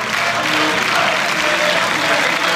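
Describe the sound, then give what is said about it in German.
Sustained, dense applause from a large crowd as AfD members stand up, steady and loud throughout, with cheering voices and bravo-like calls mixed into the clapping. “Sie klatschen, sie jubeln. Man hört auch sowas wie Bravo-Rufe.”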